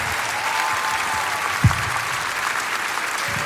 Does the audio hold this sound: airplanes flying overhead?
no